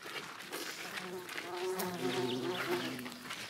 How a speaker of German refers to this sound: Ihr seht, überall sind Hummeln und Bienen unterwegs. Jetzt redet Leben im Garten, ne? So muss das sein, genau.